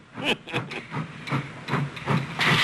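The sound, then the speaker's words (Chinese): A steam locomotive engine pulls into a station, chuffing in rhythmic bursts of hissing exhaust, roughly two per second, growing louder and ending in a broad blast of released steam. “突然响起火车声，日寇报告有一个火车头进站，龟田严令这里不准停车。”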